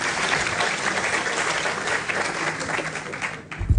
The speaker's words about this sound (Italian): Vi chiedo il terzo applauso per il Ministro dell'Agricoltura e della Sovranità Alimentare, Francesco Lollobrigida.